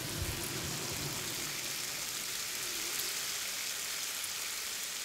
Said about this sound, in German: It sounds like rain. Klingt wie Regen. Wie Regen, der auf ein Hausdach fällt.